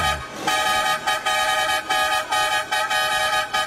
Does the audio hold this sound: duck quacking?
no